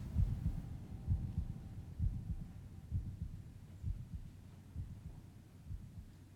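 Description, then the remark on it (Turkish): A deep, muffled heartbeat thumps steadily in low pulses, roughly one beat per second, heavy over a faint droning hum, with no voices. “Sesler kalp atışlarımla aynı anda yankılanıyordu.”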